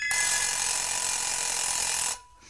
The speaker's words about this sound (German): Der Wecker.